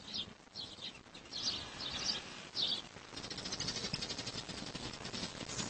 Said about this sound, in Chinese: 在自然界与人类亲近共享空间的动物中，麻雀是其中之一。这些动物已经在人类社会中找到了新的生存方式。